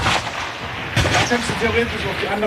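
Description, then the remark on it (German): A single sharp crack of a rimfire sport pistol shot at a 50-meter shooting range rings out about a second in, followed by a brief echo, with voices talking quietly in the background. “schiesst mir Sportpistole, Munition, Randfeuerpatrone und was es bräuchte, weiss er genau.”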